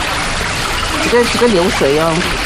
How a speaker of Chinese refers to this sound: 这个流水